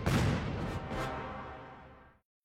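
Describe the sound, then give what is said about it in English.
A loud fireworks boom bursts, its crackling rumble fading over about two seconds into silence before another blast starts abruptly at the very end. “I'm …, and I got your boom boom.”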